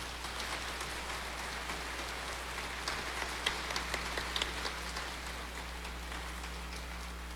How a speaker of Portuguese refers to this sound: Ela merece uma salva de palmas.